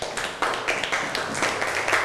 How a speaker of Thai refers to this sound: ปรบมือให้กับเพื่อนครับ